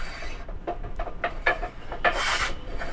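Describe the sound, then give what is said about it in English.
A hand saw cuts through wood in steady back-and-forth strokes, each a gritty rasp, with a longer, louder stroke near the end, as men saw wood at the back of a community center building where they build tables, planters, chairs and computer stands. No voices are heard. “When you arrive, the sound of men chatting and sawing wood will likely be coming from the back of the building.”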